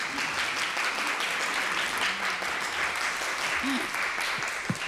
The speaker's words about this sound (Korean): 그래서 2부를 진행하도록 하겠는데요. 큰 박수로 맞이해 주시기 바랍니다.